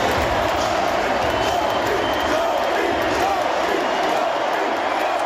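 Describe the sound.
A crowd of nearly 21,000 hockey fans in Montreal's arena roars continuously during an NHL home quarterfinal against Buffalo, chanting goaltender Dobeš's name, a dense wash of cheering and applause with voices blending into a steady, loud din that holds at one level throughout.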